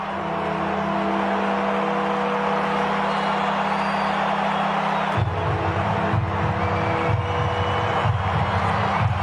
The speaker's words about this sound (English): This is what they call Warfy time. The bells are ringing, the crowd is generating a lot of noise, the flags are waving. They're within a straight kick here, Fremantle.